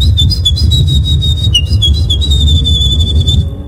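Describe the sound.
A woman imitates a Eurasian wren's song at the third Polish Championship in bird imitation, which she won, with a loud, high-pitched trilling whistle that runs almost continuously for nearly four seconds over a low rumbling background.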